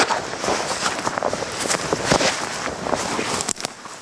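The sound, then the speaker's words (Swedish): Crunchy footsteps stepping up from the wet fen onto a bone-dry tussock on Stormyran, a large mire complex, a steady run of brittle crackles and rustles with several sharper crunches standing out, moderately loud with no voices. “Det är ju från klaffset nere på kärret eller myren upp på den här tuvan där det är egentligen knastertort alltså.”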